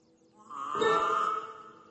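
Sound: cows mooing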